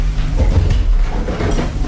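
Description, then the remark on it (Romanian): A door being opened for a visitor who has arrived at it: a loud, steady rattling and scraping with a low rumble underneath, lasting about two seconds, with a few sharper knocks early on and no voices. “Deschid, deschid acum!”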